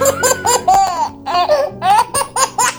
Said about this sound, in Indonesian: Dengarlah suara bayi Papua, suara bayi Kalimantan, suara bayi Sulawesi, suara bayi Jawa,